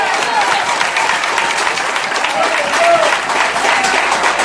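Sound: audience applauding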